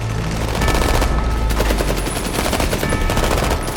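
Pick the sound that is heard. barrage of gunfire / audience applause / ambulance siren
barrage of gunfire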